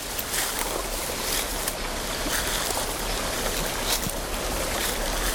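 Steady rushing and trickling of water from a small stream flowing past a boat in the Gaylord forest, with soft splashy texture and no voices.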